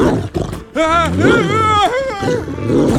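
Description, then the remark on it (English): A dog named Bosco growls threateningly in loud, sustained snarls that rise and fall in pitch, roaring on with a brief pause and no one speaking. “I really wouldn't point that at the dog.”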